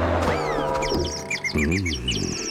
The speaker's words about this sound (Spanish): Ah, el verano. Los pájaros cantan.